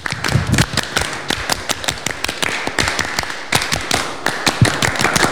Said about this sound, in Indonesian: Dua kali tepuk pramuka.